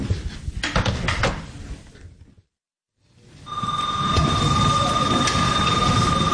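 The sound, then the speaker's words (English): A school bell at Boston Latin Academy in Roxbury rings continuously and steadily between class periods, before fourth period, after a brief silence, loud and sustained over bustling hallway noise, preceded by clattering and door-like knocks. “Bell just rang.”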